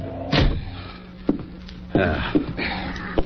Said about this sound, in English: kick the door shut.